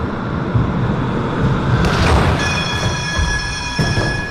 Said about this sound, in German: Da fahren die mit der Straßenbahn auf einen riesigen Gummiball und müssen damit 6 große Kegel umschmeißen.